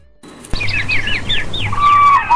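A koel (cuckoo) calls in a forest, a quick run of bright chirping notes followed by a longer whistled call, clear over a steady low background hum.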